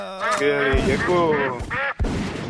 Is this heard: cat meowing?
no